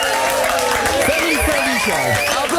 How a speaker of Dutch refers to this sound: Applaus!